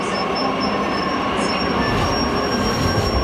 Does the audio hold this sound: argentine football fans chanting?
no